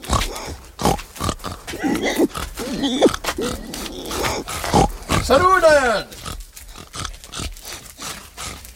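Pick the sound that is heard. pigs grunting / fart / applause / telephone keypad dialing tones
pigs grunting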